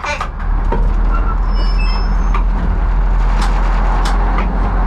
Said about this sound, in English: The 40-ton train slowly rolls down the tracks of Prague's main station.